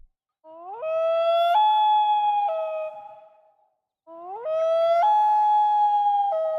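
A common loon calls over a calm, still lake at sunset: two long, mournful wails, each sliding up and then holding with stepped shifts in pitch. The calls are loud and clear, with no talking.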